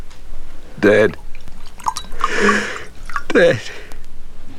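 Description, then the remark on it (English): A short splashing pour of brandy into a glass, lasting under a second, set between brief wordless vocal sounds, like sighs or sobs, before and after. “Sit, and I'll pour you a brandy.”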